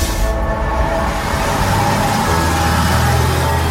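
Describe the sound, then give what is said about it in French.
Steady, loud rumble of a Laval city bus on line E, on the move in Mayenne and arriving at Place de la Trémoille, heard from inside: low engine drone and road noise with a faint whine, continuous throughout with no voices. “Nous sommes sur la ligne E du bus Lavallois.”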